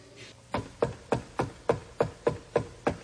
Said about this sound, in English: Sometimes you don't answer the door because you can't recognize the knock. Can't recognize the knock.